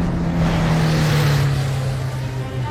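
A waiting car speeds off from a hospital's back gate, its engine droning loud and steady under a broad rushing noise for a few seconds, with no one speaking.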